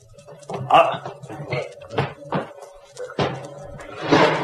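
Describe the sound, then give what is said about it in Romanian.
A door thuds shut, followed by a couple of sharp knocks as a bolt is slid home, heard under murmuring voices and rustling movement. “Iaca, au zăvorât și ușa după noi.”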